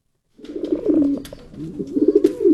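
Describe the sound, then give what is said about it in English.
A racing pigeon in a small barn lined with stacks of cages, near Catherine L. Albiani Middle School in Elk Grove, coos in low, throaty, warbling phrases, rolling on continuously with a brief dip midway before swelling again, moderately loud with no voices. “Stacks of cages line the walls, many of which are holding a pigeon or two.”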